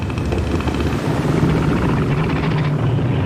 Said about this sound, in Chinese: 雄性北象海豹的叫声各不相同，便于互相识别。其他雄性能通过叫声知道海滩霸主的位置，并主动避开。